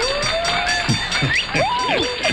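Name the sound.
applause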